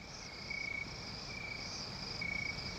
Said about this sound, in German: Ein Hotelzimmer auf Jamaika. Mondlicht scheint durch die Fenster, Grillen zirpen. Es ist sehr heiß.